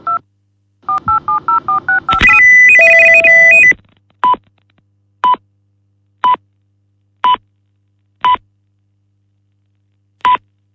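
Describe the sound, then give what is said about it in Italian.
A rapid run of touch-tone dialing beeps as the four digits of a wake-up time are entered on a telephone wake-up call service, then a short harsh burst of electronic ringing, followed by loud single beeps repeating about once per second. No voices. “Comporre senza riagganciare le quattro cifre dell'ora di sveglia richiesta.”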